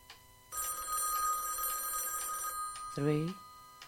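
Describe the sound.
An old-style telephone bell rings loudly and steadily three times over about two seconds, then stops, followed by a short exclamation from a voice.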